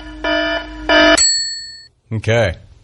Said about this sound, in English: Is that your Smack Chat alarm